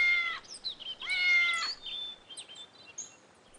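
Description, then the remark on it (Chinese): A white cat meows a few times, two clear, drawn-out cries followed by fainter, shorter calls, with no other sounds around. “那只白猫又在面条的视线里出现了，发出几声猫叫，转过身子猛地又消失掉了。”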